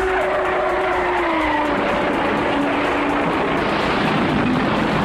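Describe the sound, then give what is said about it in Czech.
Formula One racing cars roar past, their engines a loud, continuous whine that slides downward in pitch, with a rough, noisy rumble underneath and no voices, accompanying footage of Lauda's Ferrari crash at the Bergwerk corner, where it hit the outer barriers, collided with another car and caught fire. “Laudovo Ferrari v prudké zatáčce zvané Bergwerk přestalo poslouchat a po nárazu do vnějších svodidel a následné kolizi s jiným strojem ho okamžitě pohltily plameny.”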